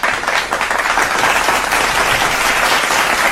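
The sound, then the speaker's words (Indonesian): Steady, dense applause from a crowd, many hands clapping at once in a continuous loud wash of sound with no talking over it. “Tepuk tangan.”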